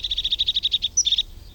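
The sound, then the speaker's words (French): A blue tit, a small blue bird with a yellow belly, sings as it approaches: a fast, even trill of high, bright notes, a pause on one thin higher note, then a short burst of trill. Clear, no voices. “C'est un petit oiseau bleu qui s'approche en chantant. Il a le ventre jaune. C'est une mésange.”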